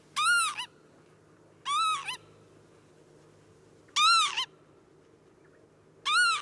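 Four shrill, wavering alarm calls from a northern lapwing, warning that someone is too close to its nests, ring out loud at fairly regular intervals, with a faint low background hum between them.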